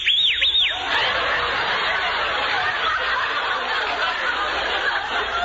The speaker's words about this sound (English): Why, you whistled at me. Well, how could any man help whistling at anyone?